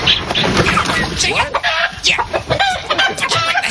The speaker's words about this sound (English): No, you're not going to go anywhere near my chickens.